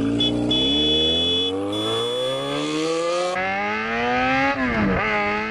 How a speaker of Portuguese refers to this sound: Anote quantas vezes você ouviu no dia a moto acelerar e buzinar